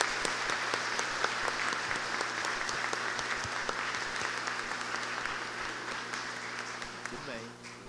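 An audience gives a round of applause to welcome someone, a steady, dense wash of many hands clapping at an even loudness that tapers slightly near the end, with a low steady hum underneath.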